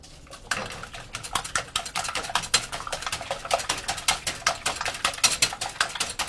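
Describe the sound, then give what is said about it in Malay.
Eggs and sugar being whisked for castella sponge cake in a bowl set in a larger container of warm water at about 50°C: a fast, steady run of bright clicking taps as the whisk strikes the sides, continuing evenly throughout with no talking. “Untuk membuat kue bolu kastela, kocok telur secara merata agar banyak udara yang masuk.”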